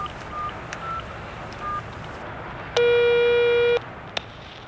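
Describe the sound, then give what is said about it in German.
A telephone ringback tone sounds once as a mobile phone call is placed: a steady, loud one-second buzz over the line, preceded by a few faint short beeps and followed by quiet line hiss; no one speaks. “Ich habe mein Handy dabei. Los, rufen wir sie an.”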